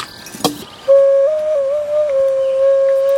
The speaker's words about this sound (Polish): Jest kilka okaryn.